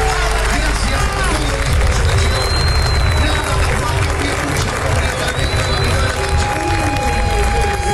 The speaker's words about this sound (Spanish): O torcedor argentino aplaudiu o time assim que o juiz apitou o final de jogo